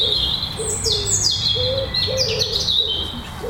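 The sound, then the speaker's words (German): A robin's rapid, tumbling song with bright, hurried notes rippling up and down like a babbling brook, heard over a steady low rumble of background noise. “Genau, das ist der Vogel, wo manche das Bild haben von dem perlenden Gebirgsbach.”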